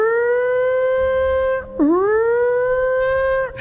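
A loud prison yard siren wails in a long, steady tone, briefly cuts out, then winds back up and holds again. No one speaks over it.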